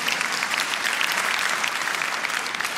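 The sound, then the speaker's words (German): An audience at a chanson performance applauds steadily, a dense wash of many hands clapping at an even loudness throughout, with no voices standing out above it. “Und ja, das ist ein Applaus wert.”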